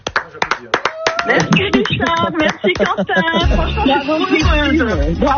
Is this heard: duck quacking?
no